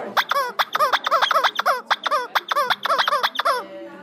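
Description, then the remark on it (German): A squeaky rubber toy chicken shrieks in a rapid, uneven burst of about fifteen short, high, reedy squeals, fairly loud, with no talking. “Und hier ist noch so eins, was besonders schön schreit.”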